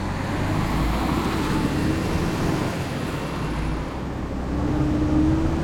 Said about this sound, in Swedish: Motorn går igång med ett brummande ljud. Det är en mycket stark motor. Skynda er! Ropar han till brandmännen. Allihop rusar till sina platser. Det är nätt och jämnt att de hinner med när Ernie kör ut från brandstationen.